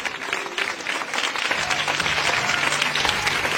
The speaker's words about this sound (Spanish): Amén. Eso, aplauda.